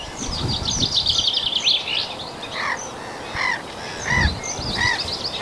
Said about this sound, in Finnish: Peippo laulaa suht lähellä. Aika pirteästi.